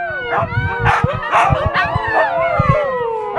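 A pack of eight huskies, kept by a mountain school in the Lechtal, howls together in overlapping, wavering tones, with short sharp barks and yips breaking through underneath. The pack sounds loud, and nobody is talking.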